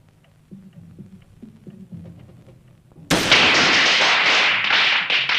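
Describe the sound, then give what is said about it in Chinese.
After a few seconds of faint, scattered tapping, a string of firecrackers suddenly erupts, a loud, dense, continuous crackle of rapid pops that carries on to the end. “放鞭炮！”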